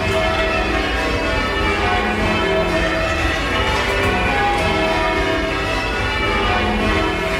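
The 8 church bells of St. Philip's Bell Tower, rung by ropes from the ringing chamber below, ring continuously and loudly, their overlapping tones layering into a dense, shimmering wash that rolls on for the whole stretch with no voices.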